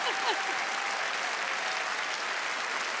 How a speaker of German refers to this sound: Ah, was für ein fantastischer Abend und was für ein Publikum. Unfassbar. Macht euch einen Applaus. Vielen Dank.